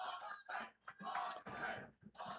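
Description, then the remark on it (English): A stadium crowd at a football game applauds and cheers in surging waves as Cody Zahler comes back in during the fourth quarter, with the Leopards leading 30-7, a dense, steady roar that swells and dips several times, fairly quiet. “That's why you hear the applause from the crowd.”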